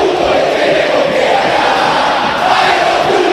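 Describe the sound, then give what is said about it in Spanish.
A stadium crowd of angry fans at the Monumental shouting together in a dense, unbroken roar of many voices during a River penalty shootout against Gimnasia, loud and steady throughout with no single voice standing out. “Ahora grita, pero la gente está con bronca. Escuchá.”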